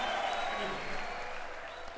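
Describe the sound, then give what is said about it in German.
Steady, dense applause with cheering from a crowd at a live concert recording, a broad continuous wash of clapping that holds at an even loudness throughout without pause. “Jubel und Applaus hier gerade.”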